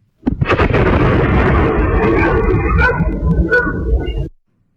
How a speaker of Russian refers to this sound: Позднее в соцсетях появились видеоролики от очевидцев. На них отчетливо слышен звук взрыва. Вот фрагмент одной из записей.